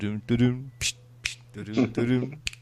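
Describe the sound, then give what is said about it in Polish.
Three sharp, crisp finger snaps ring out at uneven intervals, cutting through a steady voice that hums or sings between them. “I dowiedzieliśmy się, że musicali nie lubi jakiegoś tam, jak mu puścicie West Side Story, gdzie gangsterzy pstrykają se w palce.”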